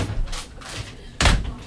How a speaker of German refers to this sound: So, dann machen wir jetzt die Tür wieder zu. Ja, hier kann keiner durchgreifen.